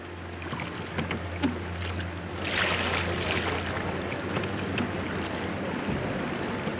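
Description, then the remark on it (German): An overfilled passenger boat is poled slowly through floodwater from the thaw in the Elbe valley at Königstein, Germany, with steady sloshing and splashing, a low engine-like hum underneath, and light wind noise throughout. “In Königstein muss gestarkt werden.”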